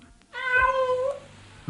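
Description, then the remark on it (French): A single drawn-out cat meow, fairly loud, rising then trailing off over about a second, with quiet background afterward. “Voilà votre chat, madame.”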